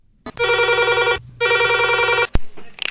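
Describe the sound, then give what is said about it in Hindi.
A telephone rings twice in quick succession, each bright electronic burst lasting under a second with a short gap between, loud, ending in a sharp click as the line picks up: the first listener call of the day coming in to the radio phone-in show Phone In Chahat. “तो शुरू करते हैं आपका अपना पसंदीदा फोन इन चाहत और देखते हैं आज का पहला कॉल किसने मिलाया।”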